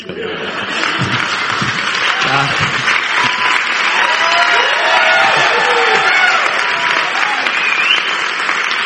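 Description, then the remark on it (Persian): Loud, sustained applause from a large crowd, dense steady clapping with scattered cheers and whoops rising over it, holding strong for the full stretch. “دیگه انقدر تشویق نکنید، امشب کیانوری میاد تو خوابم.”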